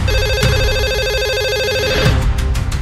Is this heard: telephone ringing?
yes